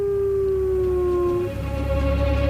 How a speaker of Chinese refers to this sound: 牧白狼饥饿难忍，他嚎叫着呼唤配偶，但这是一个错误的做法，嚎叫声暴露了他的位置。